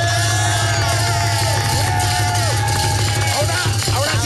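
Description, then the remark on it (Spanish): A live audience on a TV programme claps and cheers loudly and continuously for Paola Jara, with whoops and shouts rising over a dense, sustained roar of applause. “Y tocayo el Jesse, pero también denle un aplauso a Paola.”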